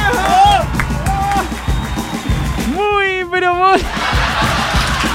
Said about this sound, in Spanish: aplausen, aplausen, aplausen, aplausen. ¡Oh! ¡Bravo! ¡Bravo!